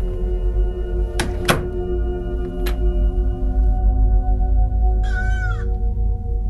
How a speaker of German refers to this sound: Das Tor hat aber auch lange kein WD-40 mehr gesehen. Schieb mal die Tür zu.